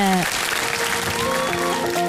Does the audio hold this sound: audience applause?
yes